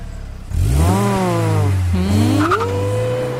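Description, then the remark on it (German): A car engine starts up and revs loudly, its pitch climbing, dipping briefly, then rising again into a sustained high whine, with a short squeal partway through. No voices. “Und ich habe eine neue Bekanntschaft und das wäre für mich, sehr gern Autofahrerin, das wäre für mich ein Highlight und vielleicht der Beginn einer großen neuen Liebe”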